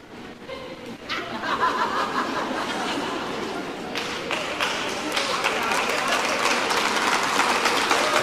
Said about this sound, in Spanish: Usted sabe por qué ustedes están aplaudiendo, ¿verdad? Porque no, hay un silencio. Oh my God, llénenlo, llénenlo.